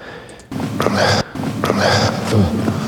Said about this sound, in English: Loud breath there. That could be a snare drum, maybe. The breath could be the snare drum.